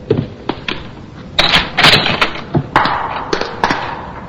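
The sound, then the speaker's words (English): Footsteps hurry down a flight of stairs, a quick, slightly uneven series of sharp thuds and clacks, with no one speaking. “I ran out the door. This way. The stairs.”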